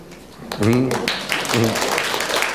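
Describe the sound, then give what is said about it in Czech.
An audience breaks into steady applause that continues for a couple of seconds, with a few voices calling out over the clapping. “Potlesku nerozumím, ale to je asi souhlasný potlesk, jak jsem pochopila.”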